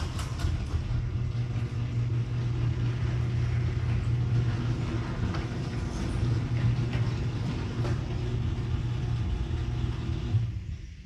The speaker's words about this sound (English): Oh, by the way, everyone, this is what my garage doors sound like right now.